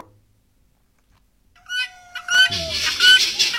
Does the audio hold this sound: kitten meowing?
yes